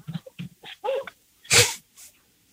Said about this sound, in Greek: Σκυλί!